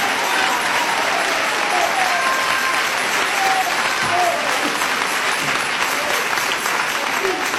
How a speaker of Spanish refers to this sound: Dele ese aplauso a Jesús, hermano. Dele ese aplauso al Cristo de la gloria.